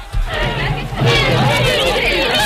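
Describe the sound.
A lively studio audience on a television set chatters and calls out all at once, a dense, continuous babble of many excited voices, loud throughout.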